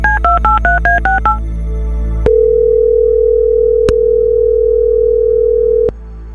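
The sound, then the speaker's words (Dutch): A quick run of about eight touch-tone dialing beeps as a phone call is placed through the telephone fader of a studio mixing desk, then a steady, loud tone hums for several seconds with faint clicks before cutting off. No one speaks. “Dan mag je even op uw mengpaneel de telefoonschuif openzetten. Ja. Voilà. En dan ga ik voor u iemand bellen.”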